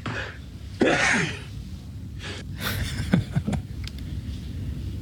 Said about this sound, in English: Oh my goodness. That's a quadruple that sneeze there, Father. Yeah. Usually they come in sevens.